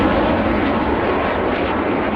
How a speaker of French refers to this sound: Ce bruit des CT-114 Tutor, les Canadiens ne l'entendront plus après la saison 2026. Les appareils des années 60 partent en retraite forcée